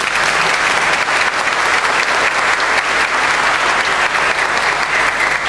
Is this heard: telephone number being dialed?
no